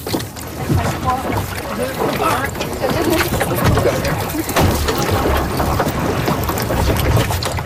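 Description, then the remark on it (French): A sailboat moving across water, with steady splashing and rushing water noise throughout, punctuated by brief sloshes, and indistinct voices mixed in underneath. “Est-ce qu'on monte dans le bateau?”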